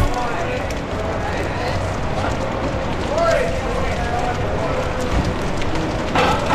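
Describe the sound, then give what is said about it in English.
Steady crackling and scattered pops of a dusty, dirty, not-yet-cleaned vinyl record run throughout, a dense surface noise with faint tones drifting underneath at moderate loudness. “Do you hear that crackling and that popping of this vial? I have not cleaned her yet.”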